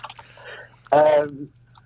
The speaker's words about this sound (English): I'm just typing in now. Okay. Liverpool. See, he's trying to. Yeah. One finger typing. You're one finger typing or a two?